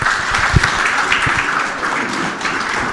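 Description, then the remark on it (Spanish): Steady applause from an audience at the first 2026 workshop of the Chami Radio school correspondents project, as a journalist is introduced to give the welcome. It is a dense crackle of many hands clapping at once, fairly loud and sustained for the whole stretch, with a few sharper individual claps standing out. “Fuerte los aplausos.”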